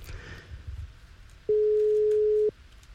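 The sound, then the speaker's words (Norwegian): A telephone ringback tone on an outgoing call to a listener who signed up to play casino: a single steady, mid-pitched beep lasting about a second, loud and clear over faint background hiss, with no one talking. “Og da er det bare å følge med på telefonen deres, for nå skal det ringe hos noen.”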